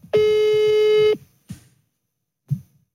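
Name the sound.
telephone call tone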